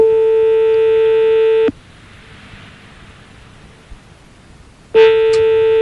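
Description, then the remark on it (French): A telephone line signal from a call to a petrol station in Lyon: a loud, steady electronic tone holds for under two seconds, drops to a faint hiss for about three seconds, then sounds again. No voices are heard. “Alors on va appeler sans plus tarder des pompes à essence”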